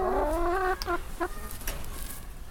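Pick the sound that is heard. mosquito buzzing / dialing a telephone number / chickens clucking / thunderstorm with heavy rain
chickens clucking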